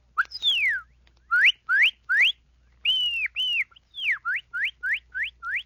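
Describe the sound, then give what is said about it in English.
A person whistles an imitation of a cardinal's call: clear, loud slurred notes, a few long downward sweeps then a quick run of rising, evenly spaced whistles, with no other sound. “The cardinal.”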